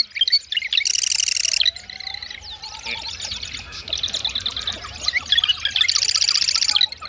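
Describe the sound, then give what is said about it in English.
A marsh wren sings, delivering rapid buzzy, rattling trills in two bursts with scattered chirps and whistles between, over a faint low background of other marsh birds. “The marsh wren.”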